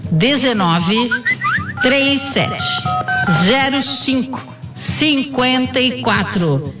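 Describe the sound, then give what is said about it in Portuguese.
Short bursts of telephone keypad dialing tones beep in quick succession during a sales pitch for Natuclean urging listeners to phone, mixed beneath lively voices talking over one another. “Pega o telefone já, agora.”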